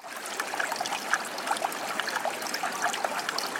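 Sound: stream water flowing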